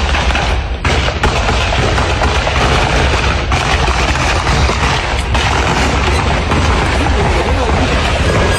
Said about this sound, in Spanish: Bien, desde una obra de construcción, los albañiles escuchaban las detonaciones de armas de fuego.